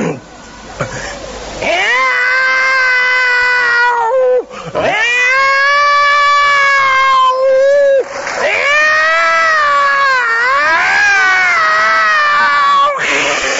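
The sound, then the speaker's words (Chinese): A man's voice imitates a yowling cat in four long, wavering, drawn-out howls, loud, rising and falling in pitch with only brief breaks between them, in the crosstalk piece 《老大老二》 performed by Hou Yaowen and Shi Fukuan. “妈，妈，我给你学一猫叫。”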